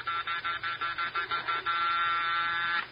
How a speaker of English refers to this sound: But we can't just pretend we're out every time the bell rings.